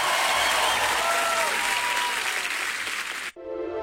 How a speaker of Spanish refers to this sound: aplauso fuerte